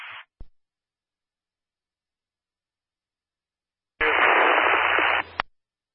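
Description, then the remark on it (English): Bursts of harsh static on an emergency dispatch radio channel: a brief hiss and click at the start, then silence, then a louder band-limited rush of noise lasting just over a second, ending in a sharp click. “Fleet static, I believe it was 403.”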